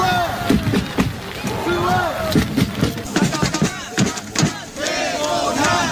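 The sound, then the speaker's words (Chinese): A joint North and South Korean cheering squad of over 200 groups, among 5,700 spectators at a match in heavy rain, cheers and chants in unison, shouting the two teams' and players' names, with repeated rising shouts and rhythmic calls filling the whole clip at a loud, steady level. “当天尽管大雨滂沱，仍有5700多名观众到现场观看，由200多个团体组成的朝韩联合助威团的呐喊声响彻赛场。”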